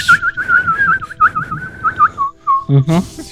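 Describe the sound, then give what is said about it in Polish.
A person whistles a warbling, bird-like call, a steady high trill with quick wavering pitch that runs for about two seconds, then a brief lower sliding whistle and a short burst of noise at the end. “To żeś wywołał ptaszka z lasu.”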